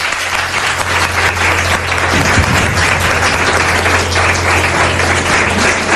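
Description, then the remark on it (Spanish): An audience breaks into sustained applause, a dense, even wash of many hands clapping at once, steady and loud for the whole stretch with no voices standing out above it. “Os pido un aplauso para él, que no lo he pedido.”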